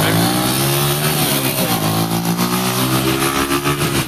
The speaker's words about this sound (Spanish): Sí, el parche es con el señor de las motos, con los 929. Usted imagina ya escuchando el sonido del el rugido.